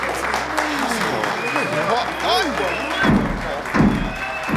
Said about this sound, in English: What's that noise? Someone is pounding on the door, sir.